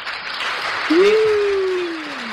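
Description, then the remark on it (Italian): Dense, steady applause fills the whole moment like a crowd clapping together, with a sustained whistle-like tone sliding slowly downward over it partway through. “Un applauso a entrambi.”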